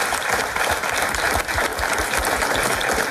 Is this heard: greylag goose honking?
no